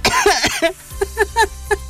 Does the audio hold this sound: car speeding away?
no